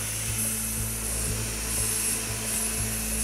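A surgical drill, requested during an operation, runs steadily with a droning mechanical whine and faint rhythmic ticking about twice a second, continuous over a hissy background, with no voices.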